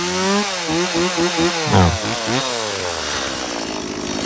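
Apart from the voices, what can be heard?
chainsaw running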